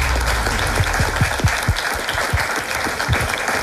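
An audience applauds a game contestant who has won a place in the final, a dense patter of many hands clapping at once with a bright, crackling texture and fairly even loudness throughout, with no voices.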